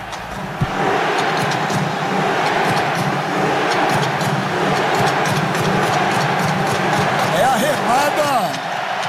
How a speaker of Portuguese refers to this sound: Remada da torcida norueguesa ontem. Bonito espetáculo, né? Muito legal, gostei, cara. Gostei. Muito legal.